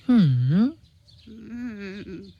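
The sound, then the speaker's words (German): Two raven calls made by a human voice for a clever raven in a told tale: a loud, drawn-out croak that dips and rises in pitch, followed by a quieter, flatter, throaty call. “Ach, du kluger, hübscher Rabe, wirst du deiner Freundin denn nicht helfen wollen?”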